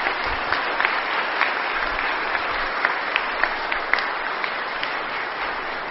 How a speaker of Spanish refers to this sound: Felicidades y démosle un fuerte aplauso a todas las mamás.